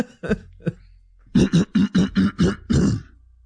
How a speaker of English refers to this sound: Let me clear my throat.